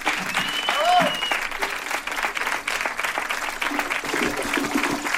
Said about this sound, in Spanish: Gracias a la banda, un aplauso